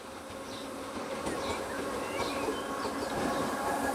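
A train winds along a mountainside railway, passing through a spiral tunnel as it descends to the valley: a steady, continuous low mechanical roar with faint squeals and clatter layered on top, fairly loud throughout with no voices.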